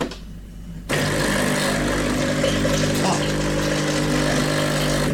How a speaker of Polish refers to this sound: Jak słyszycie, to ten ekspres właśnie jest odkamieniony.